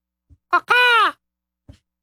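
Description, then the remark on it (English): A person imitates a macaw call: a short raspy yelp, then one loud, sustained, nasal squawk that dips slightly in pitch, followed by a faint click. “What bird was that? Oh, that was the macaw.”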